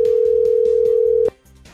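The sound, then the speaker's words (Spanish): A ringback tone on an outgoing phone call: one steady, mid-pitched electronic tone holds for over a second, then cuts off abruptly, with rhythmic background music continuing underneath. “¿y ahí qué pasa si no contesta?”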